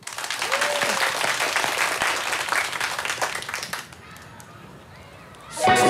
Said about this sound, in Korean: 자 박수요.